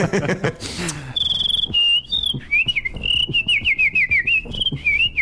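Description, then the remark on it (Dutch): After a brief rustle, a person whistles a wavering, high-pitched tune, the notes sliding up and down in a continuous, slightly breathy line for several seconds. “En daarmee kan ik nu ook dat fluiten, van mee veel mensen geloven dan niet.”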